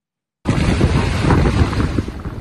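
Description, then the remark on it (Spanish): Heavy ocean surf from Hurricane Polo roars steadily on a beach at Tecomán, Colima, on Mexico's Pacific coast, with strong wind buffeting the microphone in a constant loud rumble after a brief moment of silence at the start. “Son imágenes de la playa desolada en Tecomán, Colima, donde las intensas lluvias y el fuerte oleaje por la presencia del huracán Polo en las costas del Pacífico mexicano”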